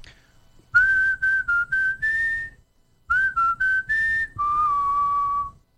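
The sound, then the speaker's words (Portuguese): A person whistles a short melody, clear, in two phrases of quick, steady notes separated by a brief pause, the second phrase ending on a longer held lower note. “O assovio dele é super afinado.”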